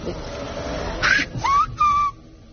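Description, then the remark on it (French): The word Francisco whistled in the Silbo Gomero whistled language, which substitutes for Castilian Spanish: three short, clear whistled notes with sliding pitch, rising and falling in quick succession, over a faint background hum. “Tu siffles Francisco et en fait tu détaches Francisco.”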